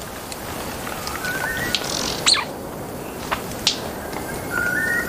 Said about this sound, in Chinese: 现在是繁殖季，丛林中回荡着鸟儿们的鸣叫声，异常热闹。